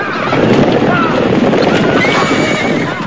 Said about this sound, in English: grabs hold of the whip from the carriage, hurries over to the enclosure, kicks away the poles that bar the narrow exit, and scares away the horses who bolt out of the enclosure in a wild frenzy.